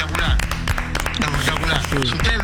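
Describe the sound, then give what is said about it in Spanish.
A crowd claps in a dense, steady patter of sharp hand strikes, with voices talking and calling out over the applause throughout. “Chicos, apláudanlo que le pusieron el tubo.”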